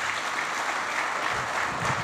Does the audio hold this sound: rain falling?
no